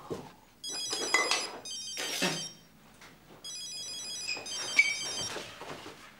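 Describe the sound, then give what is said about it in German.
An old-fashioned telephone bell rings in two long, shrill metallic bursts separated by a short pause, the rapid trilling clatter loud and bright. “Bitte gehen Sie ran.”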